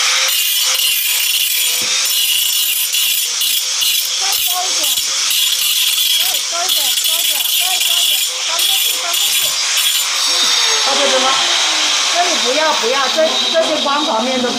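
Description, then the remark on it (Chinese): A power grinder polishing the surface of a granite slab smooth: a loud, continuous abrasive whine and hiss that wavers in pitch as the disc is pushed across the stone, with faint voices underneath. “对，就是你先打磨好那边的， 这样子磨过来，帮我把这里磨开。”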